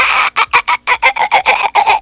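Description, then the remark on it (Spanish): A voice imitates a dolphin in an animal-guessing game with a quick run of about nine short, squeaky, high-pitched chattering bursts, loud and evenly paced over two seconds, with no other talking. “¡Soy un delfín!”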